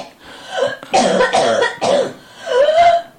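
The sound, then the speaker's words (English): A person clears their throat and coughs several times in a row, fairly loud, with rasping bursts separated by brief pauses and a strained, voiced hack near the end. “Oh, you want to clear your throat before you start, love?”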